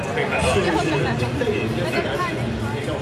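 Dense crowd chatter fills a stadium in Beijing during the Humanoid Games robot competition, many overlapping voices forming a steady, loud hubbub with no single speaker standing out.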